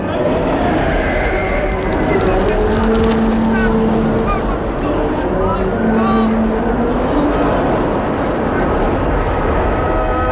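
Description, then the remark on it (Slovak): Waves hitting a boat from behind as the crew strains to steer the rudder left: a loud, steady rush of churning water and roar throughout, with voices calling out over the noise now and then. “Pozor na vlny odzadu!”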